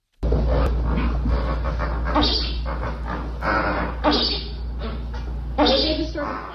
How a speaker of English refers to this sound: And so we leave you with our sound of the day. Here, briefly, are the grunts and so-called chuckles of 30 flamingos riding out the storm.